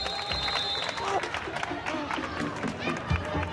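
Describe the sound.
A crowd bursts into sustained applause for an athlete who has just lifted a heavy object, dense overlapping clapping that fills the whole stretch, with scattered voices and cheers mixed into the noisy, lively background.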